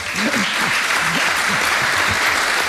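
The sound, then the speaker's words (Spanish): Steady applause from an audience fills the whole stretch, a dense wash of many hands clapping, with faint voices murmuring underneath, thanking someone for their work as they begin a new stage. “Vale, si van a aplaudir.”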